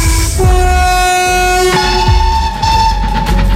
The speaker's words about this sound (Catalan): Això és un tren. Claríssimament, no seria un gat emprenyat, no, seria un tren.